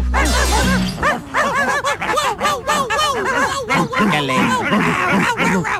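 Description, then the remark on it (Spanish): Several small dogs bark and yip in a frantic, overlapping chorus, high-pitched, the noise continuous and loud from start to finish with no pauses. “cómo se portaron mis perritos.”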